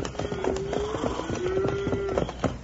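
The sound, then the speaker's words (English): A herd of cattle on the move, with dense, overlapping hoofbeats thudding and a long, drawn-out lowing call rising over the steady trampling. “Ain't that cattle I hear?”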